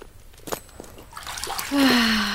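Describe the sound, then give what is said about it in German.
Hot water splashes and sloshes in a bathing tub, starting with a few scattered splashes and swelling into a steady, louder rush of water in the second half. “Hey, hilf mir mal jemand mit den Zubern durch die Tür.”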